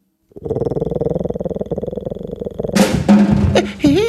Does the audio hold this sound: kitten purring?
yes